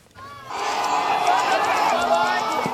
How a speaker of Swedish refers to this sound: Kinesiska studenter springer ut efter 2 dagar av hårda examinationer i en video publicerad av den statliga kinesiska nyhetsbyrån Xinhua